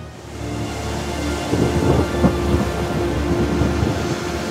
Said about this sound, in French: Père, je ne vois plus rien. La pluie est sans fin.